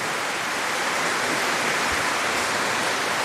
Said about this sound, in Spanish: ¡Que viva la Virgen del Cisne! Un fuerte aplauso para nuestra madre.